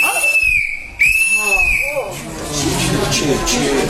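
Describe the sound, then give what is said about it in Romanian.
A person whistles two sharp, high rising notes, each held briefly, interrupting a man's speech, followed by a murmur of crowd noise and voices in the background. “Ai îndrăznit să fluieri în timp ce cuvântam eu.”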